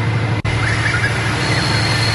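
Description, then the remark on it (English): A train rolls steadily along a track, a continuous loud rumble with a low droning hum and a faint high metallic squeal above it, broken once by a brief dropout. “Oh no, that just sounds like it's going on a track.”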